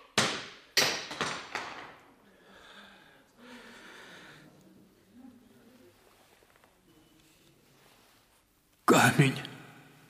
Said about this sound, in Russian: Камень разбился. Звезда раскололась пополам.